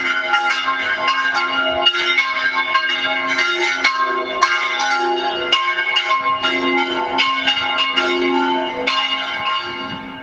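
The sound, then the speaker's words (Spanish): The bells of a church in the Soto de la Marina area peal together, three ringing at once in overlapping, steady strikes with long resonant tones that blend into a loud, continuous clang. No voices are heard. “Pues es el sonido de las campanas, hasta tres a la vez, de la iglesia de la zona de Soto de la Marina.”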